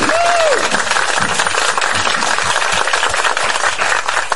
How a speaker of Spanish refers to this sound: ¡Amén! ¡Un aplauso!